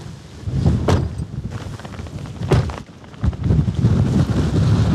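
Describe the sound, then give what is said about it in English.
Heavy wind buffets the microphone on one of the high points of a farm, in a steady low rumble, with sharp bursts and thumps as gusts hit, briefly easing before roaring back. No one speaks. “I'm just going to shield you so the wind is coming that way.”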